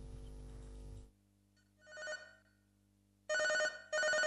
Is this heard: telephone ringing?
yes